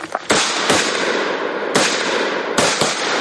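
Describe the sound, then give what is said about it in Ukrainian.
Five sharp, loud gunshots are fired at a target at a firing range during military training for civilians, ringing out in an uneven rhythm, each crack echoing into a dense, noisy background with no talking. “5 пострілів в мішень, вогонь!”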